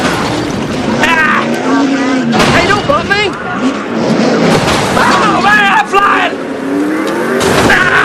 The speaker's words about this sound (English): On screen, a car bursts into flames. Game over.